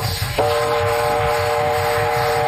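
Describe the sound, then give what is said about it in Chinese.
An arriving train rumbles with a steady, rhythmic low chugging, and a sustained horn blares in after a brief moment, holding loud over the rolling clatter. “火车来了，快上车，走 快点，快走，快走。”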